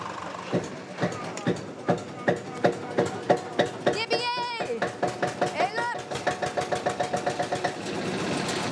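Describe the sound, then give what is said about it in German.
An old Deutz diesel tractor engine sputters to life after being jump-started from a car, its heavy, rhythmic thumps quickening into a steady chug, while a high, wavering animal-like bleat briefly rises above it. “Wird auch Zeit jetzt, denn der alte Deutz soll heute noch das Gras für die Pferde mähen.”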